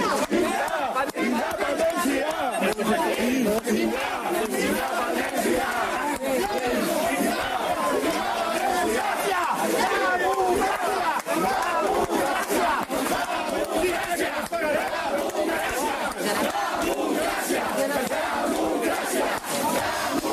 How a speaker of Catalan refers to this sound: Doncs malgrat aquests crits i malgrat aquesta crits de democràcia, evidentment hi van haver les càrregues que tots vam veure